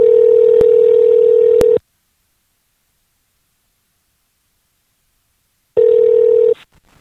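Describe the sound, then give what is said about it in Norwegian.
A telephone call to someone in the USA rings out with a steady, buzzing ringback tone, two long rings separated by a few seconds of silence, with faint clicks during the first ring. No one speaks. “Så jeg prøvde å få tak I henne.”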